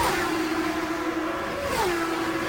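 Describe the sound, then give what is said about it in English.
Race cars, led by Scott Goodyear a few car lengths ahead of Scott Pruett, roar around the north end of the racetrack into turn four with a steady, high-pitched engine whine over a broad rushing noise. The pitch dips near the end. No one speaks. “They're at the north end of the racetrack and still about that same separation between the two.”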